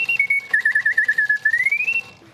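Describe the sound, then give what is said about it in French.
A mechanical singing bird automaton, driven by a geared clockwork mechanism with no electricity or electronics, whistles a single clear tone that dips, warbles in a quick trill, then glides back up, with a steady pulsing flutter throughout before stopping abruptly. “Puis quand l'autre oiseau arrive, et ben là, il siffle de nouveau.”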